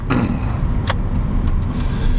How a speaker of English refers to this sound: kind of bump, bump, bump. I'd be freaking if my car sounded like that. I would be absolutely freaking.